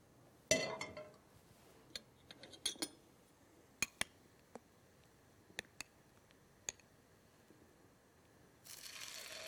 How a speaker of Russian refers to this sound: Слышите, как красиво жарится? Какой прекрасный звук. Это готовятся наши полезные оладьи без глютена.